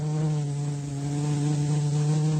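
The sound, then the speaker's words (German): A steady bee buzz drones continuously with a rich harmonic hum, holding an even loudness throughout with no pauses and no voices. “Wir haben für heute ausgesumst.”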